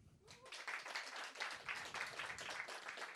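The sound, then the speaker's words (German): A short burst of audience applause at a comedian's show, answering his question of who has seen him on stage before: many hands clapping in a dense, steady crackle that starts abruptly and holds at a fairly even level for about three seconds, with no talking over it. “Deswegen würde es mich interessieren, wer von euch hat mich schon mal auf einer Bühne gesehen? Kurzer Applaus.”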